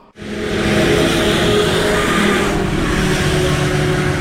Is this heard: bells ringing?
no